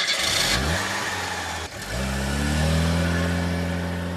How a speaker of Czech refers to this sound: Pak se inženýrovi rozloučili, paní pohladila Kopyta po vlasech, nasedli do auta a odjeli.